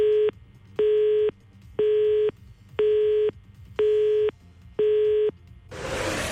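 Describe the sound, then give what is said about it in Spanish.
A telephone line tone beeps six times in a steady, evenly spaced pattern, loud at a constant pitch, then cuts to a rush of hissing static. “Ay, no, fue el teléfono.”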